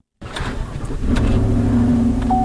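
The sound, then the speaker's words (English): A state Department of Marine Resources pickup truck's engine rumbles, growing louder and steadier as it pulls out of an Augusta office parking lot towing a trailer just before 8 a.m., heading north to the Lockwood Dam in Waterville; low droning hum, no voices. “when Department of Marine Resources biologist Jennifer Knoll pulls her pickup truck and trailer out of an Augusta office parking lot and heads north to the Lockwood Dam in Waterville.”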